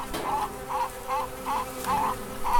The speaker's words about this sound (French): Je suis devant le chèvrefeuille. Les abeilles sont par milliers sur le chèvrefeuille et ça me remplit le cœur de joie de les voir comme ça travailler et j'espère ramener du nectar pour faire du miel.